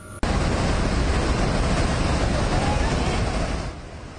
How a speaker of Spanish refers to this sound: Tres miembros de una familia quedaron atrapados en el balcón de esta casa de dos pisos, mientras una enorme corriente de agua, lodo y escombros destruía todo a su alrededor.